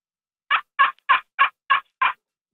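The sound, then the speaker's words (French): A slate friction call, a small slate disc in a wooden resonance box about 7-8 cm across played with a small stick, imitates a turkey with six raspy, evenly spaced yelps in quick succession, fairly loud, with no talking and silence before and after. “Pouvez-vous nous faire un bruit de dindon? Ouais, je peux faire un bruit de dindon, certainement.”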